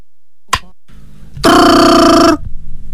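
A single loud burst of an old-fashioned telephone bell, a bright rapid metallic trill lasting about a second, preceded by a short click and followed by faint room hum.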